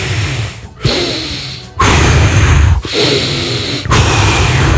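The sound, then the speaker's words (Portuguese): A voice mimics snoring, the sound made when the tongue blocks the throat and air passes through with great difficulty and pressure: four rough, rasping breaths in a steady rhythm, each about a second long and separated by brief pauses, loud and noisy across a broad range. “Por que você ronca? Porque a língua tá travando a garganta ali e o ar tá passando com muita dificuldade, com uma pressão muito grande.”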